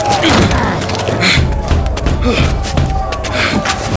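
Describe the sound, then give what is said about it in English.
Men break down a wooden door with repeated heavy, booming thuds, loud, over a dense, rumbling din with agitated voices mixed in throughout. “Oh, they're breaking down the door.”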